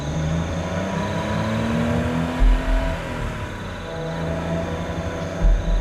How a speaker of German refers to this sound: Dann erreichen die beiden diesen Tunnel und das Auto nähert sich.